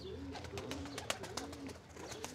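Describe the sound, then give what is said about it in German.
Pigeons cooing low and steadily while sharp wing claps burst out repeatedly, a quick irregular series of flapping slaps over soft background noise. “Das klatschende Geräusch der Tauben dient der Abwehr von Fressfeinden.”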